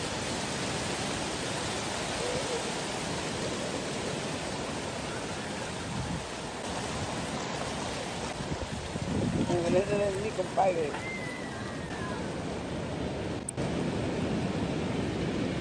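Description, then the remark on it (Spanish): Heavy ocean surf roars steadily and loudly, large waves 2 to 3 metres high crashing and rushing in a continuous wash along the coast at Pico del Monte, Boca del Río and Llano de la Barra in Florencio Villarreal municipality, with a faint voice briefly rising over the din near the middle. “en donde se registran olas de 2 a 3 metros de altura”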